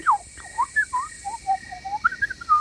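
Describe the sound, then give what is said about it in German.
A small bird chirps a quick run of bright, sliding whistled notes, about a dozen in a row, clear, with no voices around it. “Er flattert hinab, setzt sich auf die Schulter seines Freundes und zwitschert ihm laut ins Ohr.”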